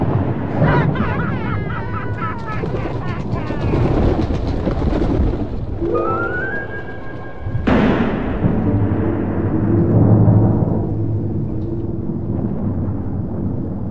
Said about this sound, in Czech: Ten den, kdy se Ronja narodila, strhla se tak silná bouřka, že se prastarý hrad na vrcholku hory roztrhl vej půl.